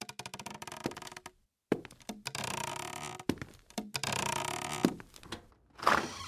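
Heavy footsteps thud on a wooden staircase, with creaks and knocking bumps over several seconds, fairly loud, ending in a brief higher squeak. No one speaks.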